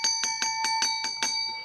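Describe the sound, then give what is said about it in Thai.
A small bell, the signal bell of the TV segment Kradueng Lan Baan Thanai, rings rapidly, about seven bright metallic strikes at an even quick pace, each chiming with sustained high overtones that hang and fade at the end. Clear, with no voices. “ฟังเสียง ฟังเสียงค่ะ พี่น้องประชาชนท่านผู้ชมมีปัญหา ค่ะได้ยินเสียงกิ้งกิ้งนี่แปลว่ามีปัญหาแน่นอนค่ะ”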